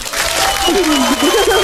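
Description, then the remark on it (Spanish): Steady, dense applause, played to motivate a player during a word game, fills the whole clip at a loud, even level, with a wavering cheer-like voice rising over it partway through. “Espérame, te voy a dar unos aplausos para que te motives.”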